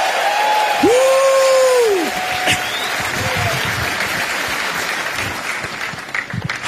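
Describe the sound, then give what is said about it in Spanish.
An audience at a Spanish-language sermon erupts in loud, sustained applause and shouting, answering a call for a shout of triumph, with a high rising whoop near the start and scattered cheers continuing over dense clapping throughout. “Alguien péguele un grito de triunfo esta tarde.”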